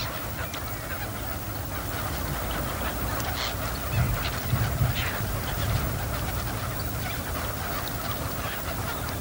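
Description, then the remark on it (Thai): A dense chorus of wild ducks calls continuously across open water at Bueng Boraphet lake in winter, where hundreds of thousands of migrant ducks join resident cotton pygmy geese. Many overlapping honks and quacks blend into a steady, moderately loud wash of bird noise, with a few more prominent calls midway. “แหล่งน้ำที่ปลอดภัยและใสสะอาดเป็นที่ต้องการของบรรดานกเป็ดน้ำเมื่อถึงฤดูหนาวนกเป็ดน้ำนับแสนตัวจึงบินมายังบึงบอระเพ็ดเพื่ออาศัยอยู่ร่วมกับเป็ดคับแคที่รออยู่ในฐานะนกประจำถิ่น”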